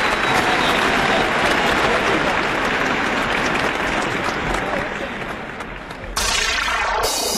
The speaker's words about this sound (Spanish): Es un gran honor este aplauso inmenso.